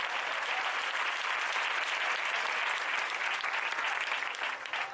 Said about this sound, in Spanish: Alaba a Dios si puedes en esta hora. Al Señor ese aplauso, déselo fuertísimo. Fuerte, pero fuerte, fuerte.